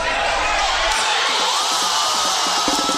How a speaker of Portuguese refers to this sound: Foi assim que a torcida comemorou já no segundo tempo o primeiro gol do Brasil, que até então perdia por 1-0 para o Japão.